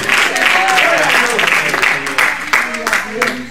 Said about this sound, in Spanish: ¿Cuántos pueden dar un gloria a Dios en la noche de hoy? ¿Cuántos pueden dar un aplauso fuerte al Padre, al Hijo y al Espíritu Santo esta noche?